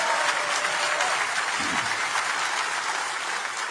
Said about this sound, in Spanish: Ah, si lo vas a hacer, dáselo a Jesús, porque ese aplauso no parece para Él.